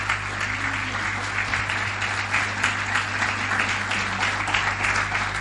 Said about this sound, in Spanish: ¿Cuánto le dan un aplauso al Señor en esta mañana? Un aplauso a su palabra.